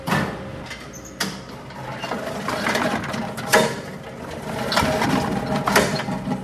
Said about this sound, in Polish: A tu na przykład trzemy marchewkę.